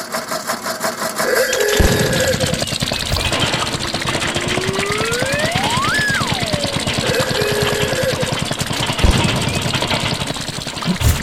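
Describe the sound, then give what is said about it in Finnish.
An old-model Opel Mokka car engine, played back from a phone, runs steadily with a fast, rhythmic clattering rumble, while a whining tone sweeps up and back down midway through; no one speaks. “Niin kuin kuulet Tuukka, niin vanhakoppainen Opel-mokka kyseessä.”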